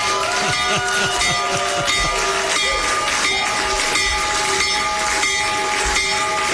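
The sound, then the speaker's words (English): A loud, continuous electric bell rings steadily for several seconds, its metallic clang sustained over noisy crowd din: the stock exchange opening bell, rung by the President as the markets open. “When the markets open in just a few minutes, Trump accounts will benefit. So ring the bell, Mr.”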